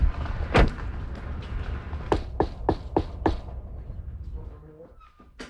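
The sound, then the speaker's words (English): A single sharp thud, then five quick, evenly spaced knocks on a front door, fairly loud over a steady low background rumble that fades toward the end. “All right, let's go knock on the door.”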